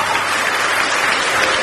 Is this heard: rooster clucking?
no